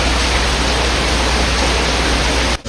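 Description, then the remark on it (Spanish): A dense, steady roar of heavy rain pours without a break, loud, filling the whole space before cutting off abruptly at the very end. “La lluvia seguía sin parar y pudo arropar su voz.”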